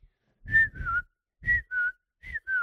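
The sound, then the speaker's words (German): A person imitates a bird for a sound-guessing quiz, whistling a two-note bird call three times in a steady rhythm, each pair a high note sliding slightly down into a second note, with breathy noise underneath and no talking. “Das ist, glaube ich, ein Vogel. Vollkommen richtig.”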